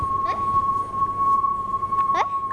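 A steady, high-pitched electronic tone plays without a break from a loudspeaker spun around by a teacher to show students the Doppler effect, its pitch shifting slightly as it moves toward and away, while brief voices and background chatter rise over it.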